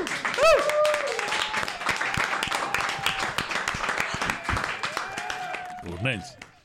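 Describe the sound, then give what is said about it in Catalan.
An audience applauds the people of Fornells, in the municipality of Mercadal, who take part in local activities: steady, dense clapping for several seconds, while voices cheer and call out over it, rising briefly again near the end. “A dir que ara sí que un aplaudiment pels fornellers que van a les activitats.”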